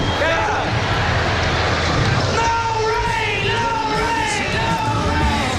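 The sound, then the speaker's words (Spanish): A large festival crowd at Woodstock chants together in sustained, droning voices, trying to stop the rain, over a constant wash of steady rain, the rhythmic chanting growing clearer partway through. “Estábamos escuchando cómo los asistentes intentaron parar la lluvia cantando, pero bueno, pues no pasó.”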